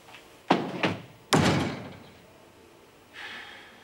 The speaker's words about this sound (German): Würdest du die Tür schließen, bitte?